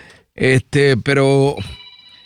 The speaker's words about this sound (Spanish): ese teléfono está un poco molestoso.